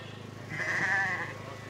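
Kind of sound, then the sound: animal, sheep bleating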